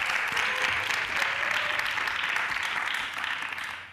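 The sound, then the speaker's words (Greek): Audience applause fills the whole four seconds, a dense, steady wash of many hands clapping at an even loudness, easing off slightly at the very end. “Αυτός ήταν χειροκρότημα!”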